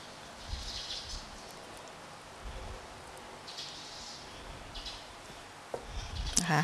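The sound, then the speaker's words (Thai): Quiet scraping and soft knocks of a spoon scooping the seed out of a soft, ripe avocado cut in half, with a few faint scrapes early on and a louder cluster of clicks at the end, no talking. “เตรียมก็คือผ่าอะโวคาโดออกครึ่งหนึ่งเลยใช้ช้อนนะคะแกะเม็ดออกก่อน”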